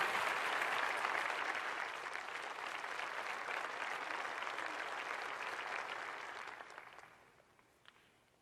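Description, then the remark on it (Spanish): A crowd claps steadily in dense, sustained applause for about seven seconds, then the clapping thins out and fades, leaving a few scattered claps at the end. “Dale un fuerte aplauso.”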